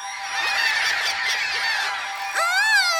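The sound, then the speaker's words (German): A loud, blaring alarm from an alarm button sounds continuously, with harsh honking tones layered together, then shifts into a wavering, siren-like wail near the end. No voices are heard. “Wenn einer in Gefahr ist, drückt er drauf und schon gibt es im ganzen Fantasiebaum einen unglaublichen Lärm.”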